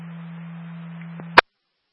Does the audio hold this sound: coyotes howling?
no